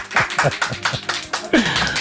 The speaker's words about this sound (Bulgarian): Колеги, моля ви за вашите аплодисменти.